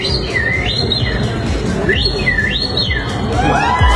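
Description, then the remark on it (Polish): A person whistles an imitation of birdsong at a past edition of the Polish Championships in bird imitation: repeated swooping, rising-and-falling chirps in short phrases, fairly loud, over a steady background hiss. “To nie ptaszek, moi drodzy, tak? To ktoś, kto ptaka naśladował.”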